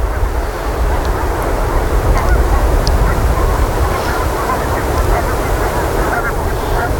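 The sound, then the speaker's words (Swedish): A dense, continuous din of many geese honking and calling together, a busy flock moving back and forth on fields by the sea, with a low rumbling background throughout. “De rör sig hela tiden, gässen, fram och tillbaka.”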